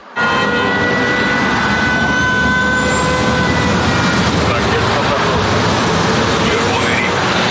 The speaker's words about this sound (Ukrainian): Наша зупинка – метро Лісова. Щойно прибуваємо, лунає повітряна тривога. Спочатку жовта загроза і відразу червона.